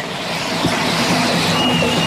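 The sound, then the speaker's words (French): A steady wash of street traffic at a pedestrian crossing in Rennes, France, engines and tire noise blending into a continuous, fairly loud roar with no one speaking. “moi qui parle toute seule en attendant le petit bonhomme vert pour rejoindre le métro de Rennes.”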